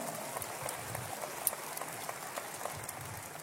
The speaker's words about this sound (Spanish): Un aplauso para la pastora. ¿Cuántos aman a su pastora? Gracias, mi amor. Vamos, un aplauso fuerte.